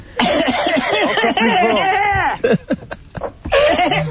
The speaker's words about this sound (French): Je tousse. Tousse très fort.